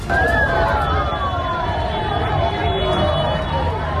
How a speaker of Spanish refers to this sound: Sirenas, alarmas, bocinazos, la gente corriendo por la calle en Congo. El primer puntito ahí.